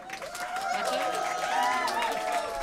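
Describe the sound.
An audience claps steadily for a few seconds for a band that has just played, a dense crackling wash of hands with cheering and raised voices woven through it, holding at a fairly even loudness throughout.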